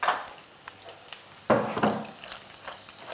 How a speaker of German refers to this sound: Dann haben wir hier die Scheiben. Die sind jetzt schon von der Unterseite knusprig. Das heißt, wir können sie jetzt drehen. Danke. So, einfach drauflegen und dann zack. So, und dann wieder zurück in die Pfanne.